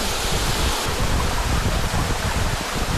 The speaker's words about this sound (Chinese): 这是 从山涧流下的这个水， 陶然湖瀑布，这是我们说的最大的那几瀑布。就在这儿， 真的有一种飞流直下三千尺的感觉